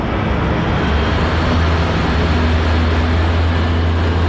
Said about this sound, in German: Ein Radpanzer und mehrere Lastwagen fahren vor.